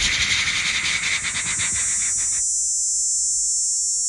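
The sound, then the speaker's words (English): A person imitates a superb dog day cicada's song: a loud, raspy buzz that pulses rapidly for about two seconds, then thins into a steady high hiss that trails off. “I know the superb dog day. You want me to make that one? It goes...”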